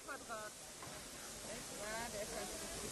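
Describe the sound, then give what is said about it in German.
A steam locomotive at a railway roundhouse hisses steadily and loudly, a constant broad rush of steam filling the scene, with indistinct voices briefly rising over it. “Wir haben an der Einfahrt noch eine weitere Dampflokomotive stehen, die 528079.”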